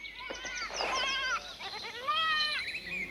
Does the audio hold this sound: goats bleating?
yes